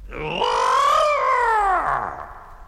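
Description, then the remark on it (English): A voice imitates a feeble first attempt at roaring: one drawn-out, wavering yowl that rises, holds, then sags downward in pitch over about two seconds, thin and tuneful rather than fierce. “So I began working hard on my roaring.”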